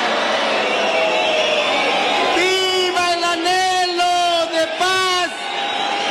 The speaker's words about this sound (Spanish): Fueron recibidos por la población entre rechiflas y abucheos al momento de salir al balcón.